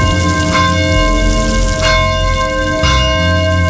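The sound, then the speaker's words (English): Large bells of the Cathedral of the Madeleine on South Temple toll loudly and steadily at noon in the rain, with three strikes ringing out roughly a second apart over a sustained, humming resonance between them. “I was walking past the Cathedral of the Madeleine, and they used to toll the bell at noon. It was the noon hour, and the bells were tolling as I ran past.”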